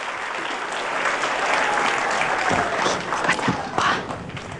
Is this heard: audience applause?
yes